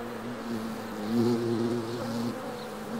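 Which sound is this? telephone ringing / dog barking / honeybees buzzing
honeybees buzzing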